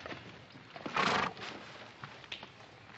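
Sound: horse whinnying and hooves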